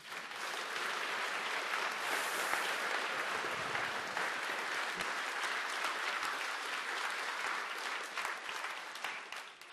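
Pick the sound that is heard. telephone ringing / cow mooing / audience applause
audience applause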